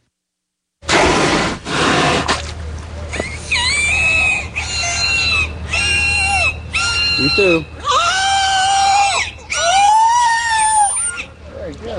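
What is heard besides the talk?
killer whale vocalizations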